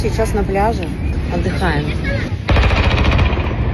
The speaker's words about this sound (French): Nous nous reposons, dit-elle, avant d'entendre le son des armes lourdes visant des drones et de se demander où sont ses enfants.